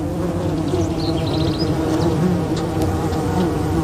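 A dense, steady drone of many fuzzy, brightly coloured ground-nesting bees buzzing around their small colony in an abandoned burrow in a small gully, the overlapping hum filling the whole stretch, with faint high chirps briefly in the background.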